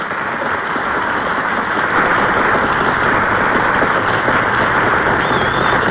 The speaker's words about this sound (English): Now listen to that wind outside, will you, kiddo? Pity the poor pedestrian on a night like this. Brutal weather, isn't it?